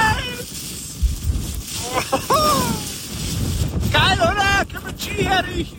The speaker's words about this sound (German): Müsst ihr euch vorstellen, dass der Schnee ihm wirklich ins Gesicht pfeift, weil so ein Stürmchen noch dabei war. Bei uns läuft hier die Heizung auf 5, aber allein wenn ich diesen Wind höre, da könnte ich mir schon wieder die Jacke anziehen.